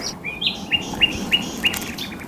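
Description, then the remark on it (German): At the Helmstausee reservoir on a Saturday, a bird repeats a short, bright chirping call about five times in a steady rhythm, clear, over a soft outdoor background hum with no talking. “Ja, so klang es, als wir am Samstag einen Marathon des Vogelhörens und Guckens starteten.”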